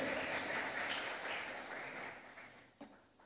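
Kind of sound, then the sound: crowd, audience applauding loudly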